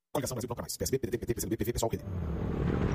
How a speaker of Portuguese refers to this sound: Amor, ouviu essa moto? Deve ser um entregador. Mas a gente não pediu nada.